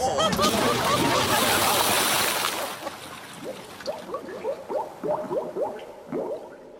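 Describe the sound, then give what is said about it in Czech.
A loud, churning splash of heavy bodies, bound people, being thrown into sea water, followed by a run of bubbling, gurgling pops as the water settles, with no talking. “Házíme je do moře. Tak rychle, rychle. Svázat a hodit.”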